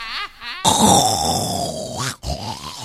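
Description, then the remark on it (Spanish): A person loudly imitates snoring with vocal grunts and rasping snorts, a brief pause, then a long rumbling snore-like sound followed by another short snort. “Ah, empieza a roncar. Así como roncas tú.”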